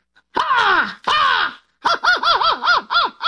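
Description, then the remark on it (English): A person imitates an American crow: two loud, drawn-out cawing calls that sag in pitch, then a quick run of six short, wavering caws, with no talking. “Why don't you do the American one first and then a British one, and we'll see if we can hear the difference.”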